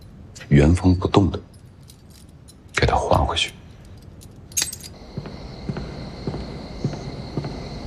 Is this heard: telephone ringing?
no